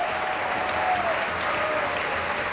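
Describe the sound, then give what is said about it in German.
Sustained applause at the end of an opera evening broadcast on Ö1, for the conductor and the orchestra, which has risen in the pit; a dense, steady wash of clapping from a large audience that holds an even loudness throughout, with no voices standing out. “Anhaltender Applaus jetzt für den Dirigenten und für das Orchester, das sich im Graben erhoben hat”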